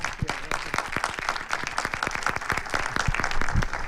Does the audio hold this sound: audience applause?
yes